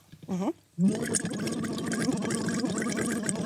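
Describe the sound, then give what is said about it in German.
A short hummed tone, then steady, continuous bubbling as a person hums a tone through a tube held lightly on the tongue into water, a voiced tone buzzing underneath the dense gurgle for about three seconds. “Wir nehmen einfach das in den Mund, legen das ganz leicht auf die Zunge. Mhm. Und blubbern da rein.”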